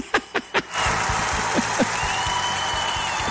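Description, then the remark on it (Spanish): Three sharp, evenly spaced bangs open into a dense, steady roar of crowd applause and cheering for the winners of a paso doble contest, with a thin, sustained high tone, like a horn, ringing through it. “Me gustan más estos aplausos.”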